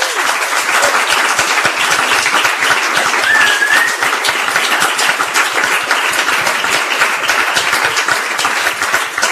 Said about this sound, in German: Bitte noch einen kräftigen Applaus für unsere Referenten.